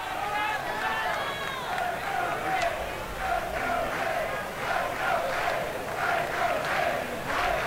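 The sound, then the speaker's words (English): A ballpark crowd at a baseball game chants "Let's go Fish" for batter Cal Fisher in a steady, repeating rhythm, the voices swelling in regular bursts over a constant bed of crowd murmur. “Let's go Fish chant starting out in the crowd.”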